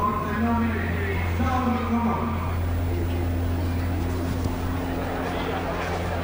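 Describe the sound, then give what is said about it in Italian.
A piston-engine aerobatic plane in flight drones loudly and continuously, making big accelerations and dives to gain speed, its engine note surging and shifting in pitch, with a deep steady rumble underneath. “Si sentono le grosse accelerazioni e le grosse affondate che fa per acquistare velocità.”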